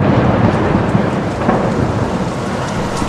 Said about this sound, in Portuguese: O tempo irou-se sem aviso. Adensadas, as nuvens de gás leve tornaram-se tenebrosa tempestade, e o lago esqueceu a calmaria, encrespando-se, açoitado pelo vento.